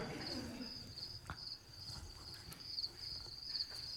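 Crickets chirp steadily throughout, a continuous high-pitched trill with slight pulsing, set against a faint low outdoor rumble and a few soft background noises.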